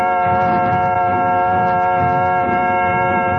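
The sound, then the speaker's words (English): A loud, steady train whistle from a little train in the Balkan mountains, approaching the capital, Lubowa, sounds continuously, a rich sustained chord held for several seconds over a low rumbling clatter of wheels. “Now in the Balkan mountains, the clattering little train, which is the only means of access to the country, is approaching the capital, Lubowa.”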